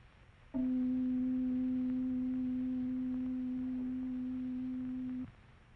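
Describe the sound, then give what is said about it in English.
A single steady tone at middle C sounds alone for nearly five seconds, holding an even pitch and loudness before cutting off abruptly. No one speaks. “First, we hear the sound of middle C.”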